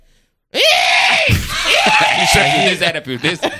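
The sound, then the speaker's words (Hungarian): A person imitates a hooded crow with two loud, drawn-out, raspy caws, harsh and strained, trailing off into choppy breathy sounds at the end. “Egy dolmányos varjú megérkezett. Ebben a pillanatban megérkezett egy varjú, mert tudja, hogy a madarakról beszélünk.”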